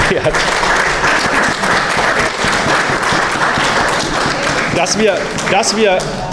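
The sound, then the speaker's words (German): Steady, loud applause from a crowd for the association members fills the whole stretch, a dense continuous patter of many hands, with a few voices rising above it toward the end. “Das ist ein Applaus, glaube ich.”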